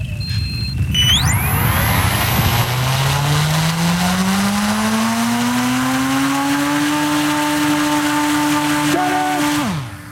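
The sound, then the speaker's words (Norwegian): A military drone's motor revs up loud as it readies to take off on a night mission in wind and rain, its whining pitch climbing steadily for several seconds, then holding a steady high drone before dropping off abruptly near the end. “Dronen klar for å ta av, men vind og regn betyr at nattens oppdrag står i fare.”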